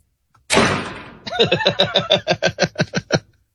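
A loud bang, then a quick, steady run of about a dozen fairly loud knocks on a door, with no talking.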